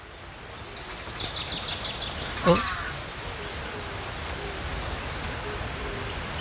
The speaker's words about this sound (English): You can't see them, but the chirping is so welcoming.